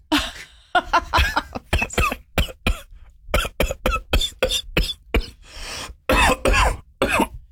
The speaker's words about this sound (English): I want my coughs louder. I'm going to do a coughing podcast. You're going to ask Max for a cough amplification button? I'm going to do a podcast called Coffee Talk, and it's just going to be us coughing.